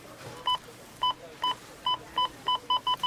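A run of checkout scanner beeps during Rona Week at a Rona store checkout, about nine short, high electronic tones that start spaced apart and come faster and faster toward the end, with no talking.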